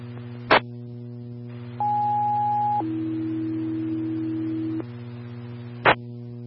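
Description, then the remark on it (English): A two-tone fire dispatch test alert for Farmington fire station 1 over a humming radio channel: a steady higher tone for about a second, then a longer lower tone, framed by sharp radio key-up clicks. “Farmington, engine 1, station 1, test tones for Farmington, station 1. Please advise if you receive tones as well as your CAD card.”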